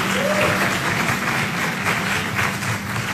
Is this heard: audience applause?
yes